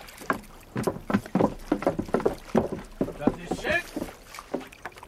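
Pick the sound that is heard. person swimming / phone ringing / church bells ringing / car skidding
person swimming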